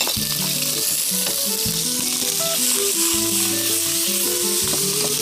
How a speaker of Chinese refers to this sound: 首先啊，这咱们稍微的来一点 葱姜， 哎，葱姜不煸不香， 哎，不煸不香，然后虾仁下锅。